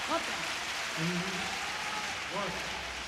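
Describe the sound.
A steady wash of stadium crowd applause and cheering at a concert fills the whole stretch at an even level, with a voice speaking briefly over it a few times.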